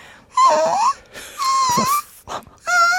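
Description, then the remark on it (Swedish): A person doing a voice exercise imitates a puppy's whimpering: three high, thin, wavering whines with brief breathy gaps between them, fairly loud, with no speech. “Sen skulle jag också göra en röstövning som var att jag skulle låta som en hundvalp.”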